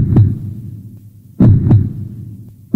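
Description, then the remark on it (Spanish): A slow human heartbeat: deep, muffled double thumps in a lub-dub rhythm over a low steady rumble, with no voices. “Es el sonido de tu corazón.”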